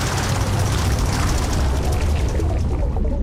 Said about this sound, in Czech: Až nebude slyšet hluk motoru, pak se můžeš nadechnout.